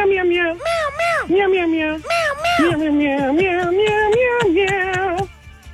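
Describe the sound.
A man at an office imitates a cat with his voice, starting with two sharp rising-and-falling meows, then stretching into a long, wavering, whiny mew. It sounds loud, with nothing else in the background.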